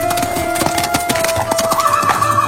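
Hooves clip-clop in a steady rhythm while a horse lets out a drawn, wavering whinny that rises toward the end; no one speaks.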